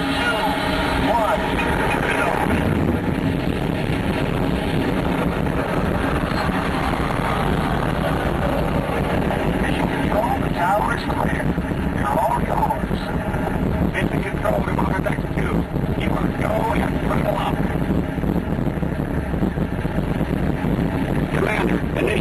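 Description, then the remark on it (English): A deep, continuous roar of rocket main engines at launch fills the whole stretch, loud and steady with a rumbling, crackling texture that never lets up. “You are go for launch. We have main engine start.”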